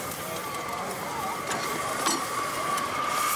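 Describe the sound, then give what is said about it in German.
A model steam locomotive runs along its track at scale speed, about 60, with the reverser set forward and the regulator opened, giving a steady hiss and rumbling rattle, a thin high tone running through it and a few brief sharp clicks. “Steuerung nach vorne, Regler auf und dann geht's los.”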